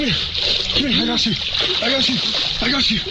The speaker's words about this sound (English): there's nothing to do but hope for the best as the jet ski goes crashing into the dock. Dylan! He's thrown in the water